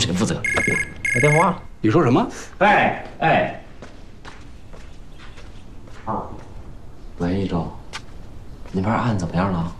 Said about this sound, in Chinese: 来电话了